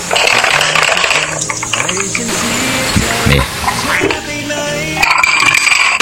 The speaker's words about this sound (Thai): นี่ได้ยินเสียงไหม1แก้วกับฝนตกไม่ใช่เสียงระฆังตุ๊เจ้านะฮะเป็นเสียงแก้วนะฮะเดี๋ยวชอบมากเลยเขย่า